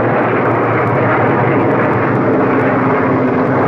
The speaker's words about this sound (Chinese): 美国飞机这几天老在这转，怕不是好事啊。